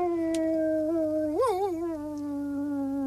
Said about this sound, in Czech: U hájovny seděl pes Rek, hlavu vzhůru a představte si, nebojácně vil přímo na měsíc.